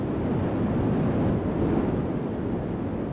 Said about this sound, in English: I start with white noise because it has everything, and then I take things away. And white noise is the sound of all the frequencies playing at once. Here is some white noise.